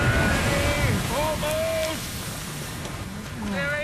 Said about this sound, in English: Keep rowing. Don't stop now. Another 20 strokes and we'll be ashore. I'm pulling as fast as I can, but the waves!